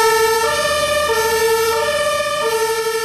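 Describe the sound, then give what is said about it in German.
A loud emergency vehicle siren alternating steadily between two pitched tones, switching back and forth several times, with no voices present. “Und dann hat er natürlich erstmal das Blaulicht angemacht.”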